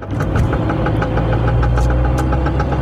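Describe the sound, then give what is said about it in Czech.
A car engine runs steadily with a low rumbling hum, overlaid by a fast, regular ticking knock that repeats evenly throughout, fairly loud, with no talking. The noise occurs when the accelerator pedal is pressed while driving, not when turning. “ale i vlastně auto analfabet, pro mě auto, že vydává to zvuky, vůbec nevím, co to jako...”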